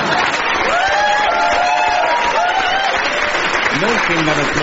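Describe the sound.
Loud, sustained applause from a large indoor audience, a dense steady clatter of clapping with some whoops and voices mixed in, continuing throughout.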